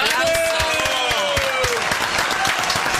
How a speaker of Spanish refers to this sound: ¡Aplausos!